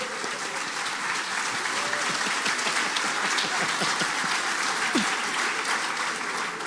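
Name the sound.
audience applauding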